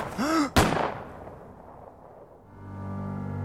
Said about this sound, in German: Er war etwa 20 Meter von den anderen entfernt, als die beiden Schüsse knallten.